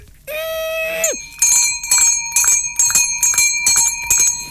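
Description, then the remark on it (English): A hand bell rings loudly, swung in a steady, rapid rhythm of about seven bright metallic clangs, after a brief sustained tone at the very start. “say now you are ringing bell.”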